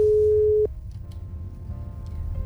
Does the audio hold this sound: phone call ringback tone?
yes